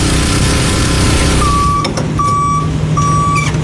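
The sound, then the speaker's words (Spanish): A water tanker truck distributing water to communities during drought rationing rumbles steadily while a loud reversing alarm beeps three times in an even rhythm, with a short hiss of air in between. “Y los camiones cisternas se han convertido en albergues para su resguardo.”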